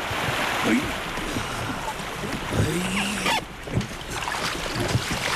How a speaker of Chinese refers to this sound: 今天面对湍急的黄河水